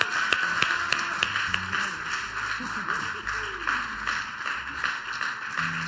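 A crowd applauds a band steadily for several seconds, a dense wash of clapping with sharper individual claps popping out, with some low murmuring and faint vocal sounds underneath.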